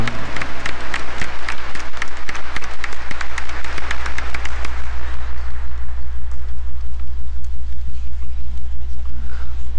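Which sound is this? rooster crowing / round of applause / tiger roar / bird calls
round of applause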